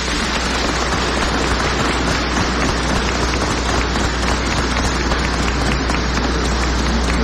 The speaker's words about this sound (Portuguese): Então convido a comunidade a uma salva de palmas em sinal de acolhida.